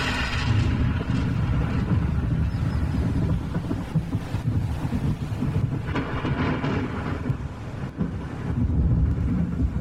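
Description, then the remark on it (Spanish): A deep, sustained rumble of thunder rolls on without a break, loud, heavy in the low end with a few swells of intensity toward the end. “Trueno bendito, mensajero de la lluvia que enriquece la tierra.”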